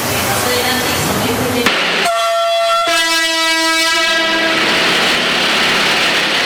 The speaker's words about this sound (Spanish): Yamandú Borsi, hizo también un viaje en tren, este tren del siglo XXI, como él lo llamó, desde Las Piedras hasta Montevideo y en el marco de los 2 años justamente del Ferrocarril Central.